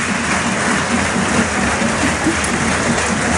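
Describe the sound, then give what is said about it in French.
A large stadium crowd at the Stade Ernest-Wallon applauds steadily as player Alexandre Roumat is substituted off, a dense, continuous wash of clapping with a faint roar underneath, loud and sustained without a break. “Et il leur rend l'appareil à Alex Roumat, le petit geste sympa, il applaudit lui aussi les tribunes alors que le jeu a repris.”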